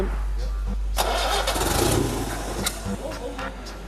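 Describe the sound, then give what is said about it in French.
A French car engine, its exhaust just blown apart, cranks and catches about a second in while the ignition timing is being adjusted, then revs unevenly with loud sputtering bursts over a constant deep rumble before settling into a rough, throaty idle. “Il faut régler l'avance. Vas-y.”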